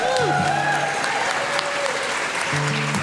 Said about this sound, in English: Y'all give them a big old round of applause right here. And give yourself a big round of applause for being here tonight.